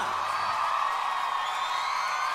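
A crowd cheers and applauds loudly and without pause, a dense wash of clapping with whoops and yells rising over it throughout.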